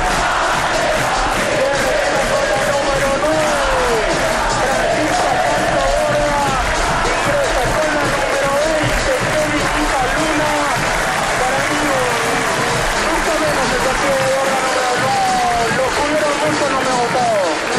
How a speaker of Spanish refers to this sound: Se va a retirar Borda. No sé qué van a ingresar, pero escucha los aplausos.